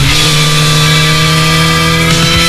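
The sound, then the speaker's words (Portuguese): A motorcycle engine revs loudly and steadily, its deep harmonic drone holding an even pitch throughout with a slight shift near the end, with no voices over it, in a promotion for the fifth Encontro Motard de Apúlia motorcycle gathering. “Liga o motor, chama a tua família Motard e faz parte desta história.”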